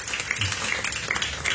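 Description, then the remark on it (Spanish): A church audience applauds for God in a dense, steady wash of many hands clapping, with scattered sharper claps and some murmured voices underneath. “¡ay, un premio de palmas! ¡Fuertes a nuestro Dios, iglesia!”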